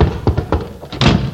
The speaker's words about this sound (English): Door stuck.